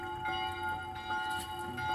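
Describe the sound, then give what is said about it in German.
Bells ring with a long, reverberant hum, their tones hanging and overlapping continuously, with a few fresh strikes adding brightness; moderately loud and heard alone without voices. “Ah, deine Nachhallglocken.”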